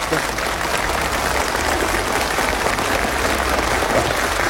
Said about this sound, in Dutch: Ja, applaus!